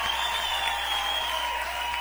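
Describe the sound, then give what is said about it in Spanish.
An audience applauds Christ steadily, a dense wash of many hands clapping together at an even level throughout, with no voices standing out above it. “Aplauden fuerte a Cristo.”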